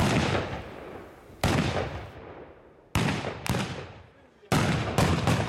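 Loud ceremonial salute shots, fired to celebrate the 76th anniversary of a village's railway station in Bavaria, boom out in irregular bursts, about six sharp blasts, some in quick pairs, each followed by a long rumbling echo that fades before the next.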